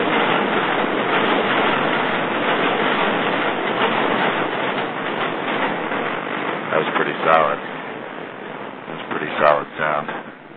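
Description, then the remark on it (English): A subway train roars steadily and loudly into the station, a dense rumbling rush that holds for the whole stretch, with brief bits of a voice surfacing near the end. “Here comes the subway. I can hear it.”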